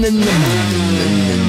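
A moped engine revs loudly, its buzzing pitch dropping quickly and then settling into a steady drone for the rest of the moment, with no voices.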